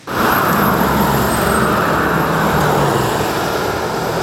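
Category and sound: vehicle, heavy road traffic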